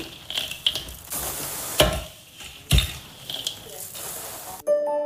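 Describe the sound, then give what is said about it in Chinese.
Continuous scraping and rattling of a spatula stir-frying cangzhu (atractylodes) with black sesame seeds in a wok to remove its dryness, a traditional Chinese medicine processing step, broken by a few sharp metallic clanks; a short musical tone enters at the very end. “摘掉黑芝麻，就得到了去除燥性的炒苍竹。”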